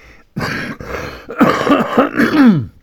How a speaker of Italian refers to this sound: Chiedo scusa, purtroppo sapete, ho la tosse, estate, inverno, qui stiamo sempre con la porta aperta per i gatti e per le volpi. Io mi scuso moltissimo, ma insomma può capitare un colpo di tosse.